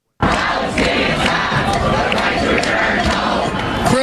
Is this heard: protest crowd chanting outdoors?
yes